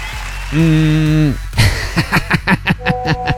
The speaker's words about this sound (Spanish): Es correcto, aplauso para este mensaje.